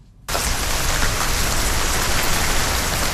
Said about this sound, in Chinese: 随着楼顶的高压雾化喷淋降温系统启动，各楼楼顶同时喷水，宛如鲸鱼喷泉。这一幕出现在山西省运城市盐湖区的一个住宅小区，密集的雨水从天而降，整个小区笼罩在烟雨蒙蒙中。